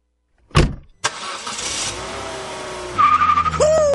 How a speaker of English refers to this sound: Woo-wee. That's your car going for a joyride. Yee-haw! But that's not you in the driver's seat.